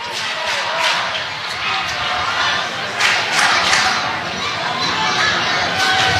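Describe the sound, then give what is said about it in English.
A large baseball stadium crowd roars in a steady, loud wash of many voices during the eighth inning, with rhythmic swells as fans try to get a "Let's Go Hops" chant going. “Crowd trying to get a Let's Go Hops chant going.”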